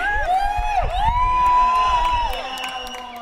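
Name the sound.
crowd applause and cheering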